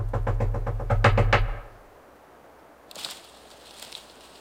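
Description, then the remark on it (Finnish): A rapid run of about eight firm knocks on a door, fairly loud, lasting under two seconds before fading into quiet with faint background noise. “Kuka häiritsee minua koputtamalla noin?”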